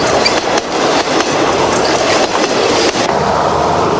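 A train rumbles steadily across a long bridge over a wide river in Hanoi, Vietnam, taking several minutes to cross; loud, with rhythmic clattering and metallic knocks over a dense, continuous roar, no voices present.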